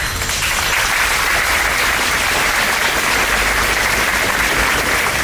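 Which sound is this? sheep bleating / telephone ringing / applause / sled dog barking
applause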